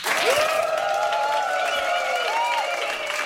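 Sustained applause from a studio audience, dense and steady throughout, with a whoop or cheer rising above the clapping. No talking over it.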